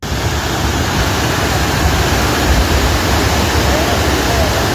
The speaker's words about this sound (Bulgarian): Водата отнася всичко по пътя си.